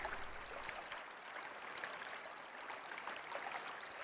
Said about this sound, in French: Mais le chant de la rivière ne s'arrête jamais. Il est si fort qu'aucun d'eux ne parvient à s'endormir.